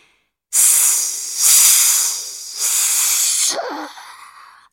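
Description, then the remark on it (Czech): Loud hissing of flames being doused with water, surging in three strong bursts of steamy sizzle before fading out. No voices. “Syčely rozlobené plameny, když je orlí slzy soucitu postupně jeden po druhém hasily, až bylo nakonec úplně po ohni.”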